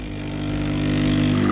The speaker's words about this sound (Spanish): Esto de que invitarme a un café sea poner un ruido de una cafetera... Cutre.